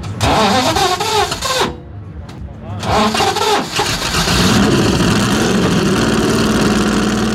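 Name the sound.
car engine starting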